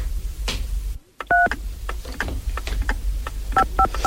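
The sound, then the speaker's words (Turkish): Touch-tone telephone keys being dialed, a steady beep around 1.3 seconds followed by a quick run of three short beeps near the end, over a low background rumble with no talking. “Hadi aç şu telefonu”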